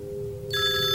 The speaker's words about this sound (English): Oh, the phone is ringing again.